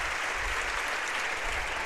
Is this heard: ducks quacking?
no